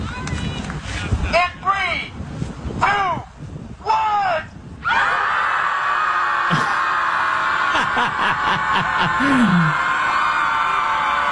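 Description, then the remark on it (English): A group of people, the Chicago Scream Club, scream together into a lake in Chicago in several long, loud bursts, then a sustained wall of collective yelling and shrieking continues outdoors, with occasional higher individual cries rising above it. “They meet once a week to scream into the lake and relieve stress.”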